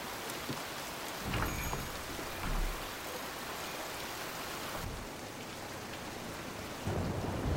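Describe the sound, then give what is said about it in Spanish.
Steady, heavy rain pours down continuously in an alley in front of a shop, a dense hiss of drops hitting hard surfaces, with a few low rumbling swells rising beneath it. No one speaks. “bebe alcohol sentado en una mesa bajo la lluvia.”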